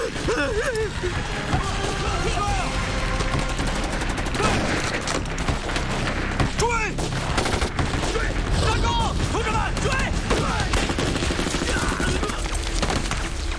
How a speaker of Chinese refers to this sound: 快撤吧，再不撤就来不及了，枪声会引来八路主力的。